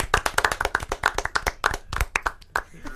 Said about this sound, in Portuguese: Palmas pra Gabriel Bortoleto.